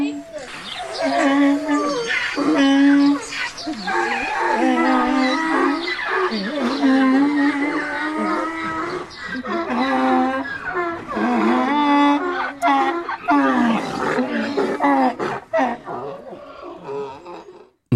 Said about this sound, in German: Was ein tolles Eselkonzert. Was eine tolle Eselkalation. Und das nur, weil das Handy Eselgeräusche gemacht hat.